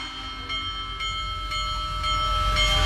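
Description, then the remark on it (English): The Big Boy steam locomotive, the biggest of all time, passes through Illinois on a nationwide tour for America's 250th birthday: its bell clangs in a steady rhythm about twice a second over a deep, rumbling engine noise that grows louder toward the end. “For America's 250th birthday, the Big Boy steam locomotive, the biggest of all time, is on a nationwide tour.”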